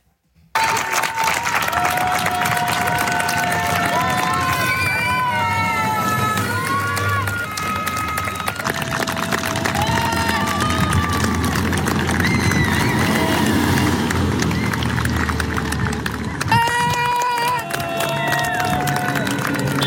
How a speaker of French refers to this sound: les pompiers ont été accueillis par les applaudissements des habitants. Une haie d'honneur a même été improvisé après 9 jours de combat. Les sirènes ont laissé place aux applaudissements, applaudissements que je vous propose d'écouter.